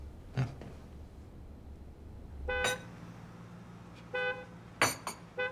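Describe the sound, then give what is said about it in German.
A delivery vehicle's horn honks repeatedly in short, insistent blasts, one longer toot followed by quicker bursts, because it cannot get past a car in the way, over the low rumble of an idling engine. “Schnell, ein Wagen weg von der Lieferant kommt nicht durch.”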